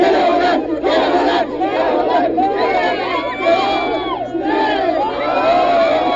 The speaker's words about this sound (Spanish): Fue la llegada de los aficionados surcoreanos. Apenas aparecieron en las plazas y en el centro histórico, decenas de mexicanos los recibieron entre aplausos, gritos, música y celulares buscando una fotografía.